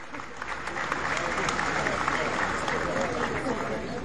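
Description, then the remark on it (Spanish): A crowd applauds steadily for about four seconds for Corpoacero's donation of 51 houses in Buenaventura, a dense, even wash of many hands clapping at a fairly loud, constant level, with faint voices mixed into the noise. “Un aplauso para Corpoacero, 51 casas donadas.”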